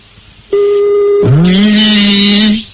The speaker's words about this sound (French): C'est bon? Allez, on y va. Le numéro de téléphone est composé. Allez. Allez.